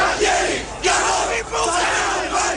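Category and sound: crowd, angry crowd chanting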